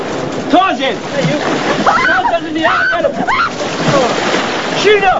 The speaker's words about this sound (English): Ferris playfully shoves Cameron, then flings Sloan into the water before diving in.